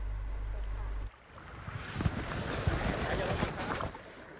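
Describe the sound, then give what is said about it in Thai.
Splashing water from kayak paddles dipping into a lake above a dam in Phu Kao–Phu Phan Kham National Park, Non Sang District, Nong Bua Lam Phu, Thailand. Irregular strokes play over a steady wash of wind and water, preceded by a brief low hum at the start. “กิจกรรมพายเรือคายักบริเวณริมทะเลสาบเหนือเขื่อนบนรัฐในเขตอุทยานแห่งชาติภูเก้าภูพานคำอำเภอโนนสังจังหวัดหนองบัวลำพูท่ามกลางบรรยากาศสายลมและอากาศบริสุทธิ์”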